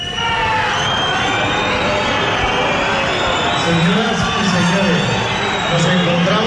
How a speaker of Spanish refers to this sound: La megafonía en el desfile de la Guardia Civil pidiendo respeto y gritos de fuera, fuera y pitidos contra la presidenta del Gobierno de Navarra, María Chivite, que se encontraba en ese desfile de la Guardia Civil aquí en Pamplona.